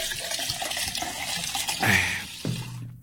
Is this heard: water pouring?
yes